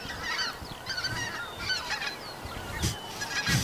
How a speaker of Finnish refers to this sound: Nyt tulee hanhet yli just joo. Tällä hetkellä.